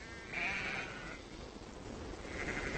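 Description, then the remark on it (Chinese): Herders' sheep on the Asian grassland steppe bleat twice, a wavering cry early on and a fainter one near the end, over a steady outdoor hiss with no one talking. “在大草原上，牧民们的牲口主要是绵羊、山羊、骆驼和马。”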